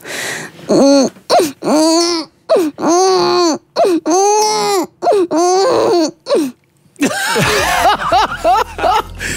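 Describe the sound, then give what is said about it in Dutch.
A person's voice convincingly imitates a crying baby, with a series of loud, rising and falling wails broken by short gasping pauses, with no other talking. “Jij kan een baby imiteren.”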